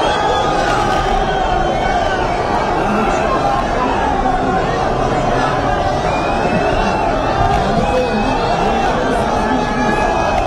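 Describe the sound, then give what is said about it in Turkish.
A loud, steady football stadium crowd in Trabzon roars throughout as Mohamed Salah is seen, with flares lit: a dense wash of many voices shouting and cheering at once with no unified chant or rhythm emerging. “Orada Trabzon'da neler yaşanıyor, onu dinliyor, orayı dinliyoruz.”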